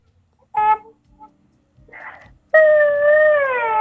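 A child cries: a short tonal wail, a breathy sob after a pause, then a long, loud, sustained wail whose pitch wavers and slowly drops. No one speaks.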